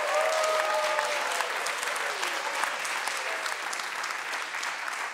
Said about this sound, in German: Dein Applaus!